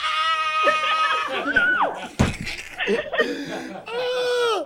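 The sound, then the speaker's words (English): A woman lets out loud, high-pitched excited screams and squeals in several wavering bursts, broken briefly by a sharp clattering noise midway. “Scream!”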